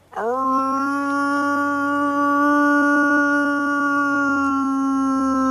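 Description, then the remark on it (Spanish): A man's voice lets out one long, loud, steady howl imitating a wolf to call a pack of wolves in Sierra Morena, rising sharply at the start and then holding a sustained tone for about five seconds, with no talking. “Pues yo llamaba a mi padre, que eran los lobos ya.”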